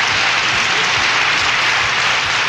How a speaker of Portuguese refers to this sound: Mais palmas, oi.